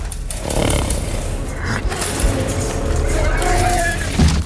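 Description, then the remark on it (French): Dense, chaotic battle noise from the soundtrack of the film War Horse (Cheval de guerre), with shrill, wavering screams of horses being massacred in a war scene rising over a steady roar of clashing and rumbling, growing more piercing toward the end; the sounds were partly reworked. “donc on est sur une scène où normalement c'est ils souffrent, ils sont un peu massacrés, et on entend ces cris de chevaux.”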